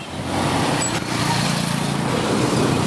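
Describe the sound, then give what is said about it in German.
Steady roadside traffic noise on a city street in Kampala, Uganda, a continuous engine drone with a broad rumbling hiss, holding at an even, fairly loud level throughout with no voices. “steht mit ihren beiden Töchtern am Straßenrand in Ugandas Hauptstadt Kampala und wartet auf ein Motorradtaxi, Boda Boda genannt.”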